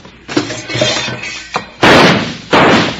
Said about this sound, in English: now who in the heck is shooting at us and why?